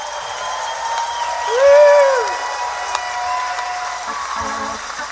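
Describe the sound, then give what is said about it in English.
A theater audience at the Capitol Theater claps and cheers during a live radio broadcast on WWOV 101.1 FM celebrating the 86th anniversary of the Wheeling Jamboree. A steady, dense wash of applause lasts about five seconds, with one loud swooping whistle rising and falling partway through. “Folks, let our radio audience and those listening around the world that you're having a good time tonight.”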